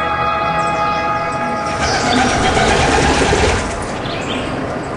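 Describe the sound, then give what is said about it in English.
A train rolls past on a railroad track, a loud, steady rumble and metallic hum that swells midway, then eases slightly as it continues. No voices are heard. “I mean, we slept like here, and in the front yard was the trains coming by.”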